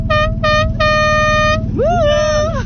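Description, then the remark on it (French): A boat horn honks loudly at people on another boat, two short blasts then a longer one, over a steady engine rumble, followed by a swooping, wavering horn tone. “On peut peut-être klaxonner, Christophe? Ben, allons-y.”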